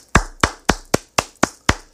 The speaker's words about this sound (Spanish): Quiero que me le den un fuerte aplauso.